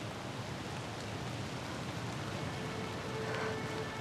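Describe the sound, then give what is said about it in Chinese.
Steady rainfall hisses continuously throughout, a dense, even wash of drops with no pauses and no voices, holding at a constant moderate level from start to finish. “要下雨，学校可能早就放学了。”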